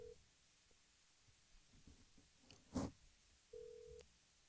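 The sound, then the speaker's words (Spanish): An outgoing phone call rings while waiting for an answer: a short burst of steady ringback tone, a faint clunk, then another ring tone, all fairly quiet with no voices. “Yo le hago una llamada telefónica.”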